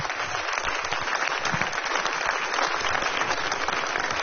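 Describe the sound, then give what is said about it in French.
An audience applauds, a dense, steady wash of clapping that stays loud and even throughout with no pauses and no voices. The applause is for a jazz band and its guests on flute and vocals at a concert. “vous pouvez les applaudir encore une fois”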